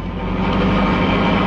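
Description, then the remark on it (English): A car engine roars loudly and steadily at night, a dense low rumble that swells slightly as the vehicle draws nearer at speed, with no voices. “Seems to be traveling at quite a rate. Too fast, even this time of night.”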